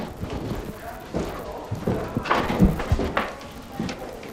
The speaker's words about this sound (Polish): Drewniane, skrzypiące schody.